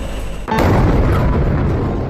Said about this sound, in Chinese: 网传的这段视频中，可以清晰听到两次爆炸声响，现场火光冲天。目击者称，爆炸地点位于兴安镇凌乡路附近，两个爆炸点之间有点距离，时间上间隔了大约半分钟。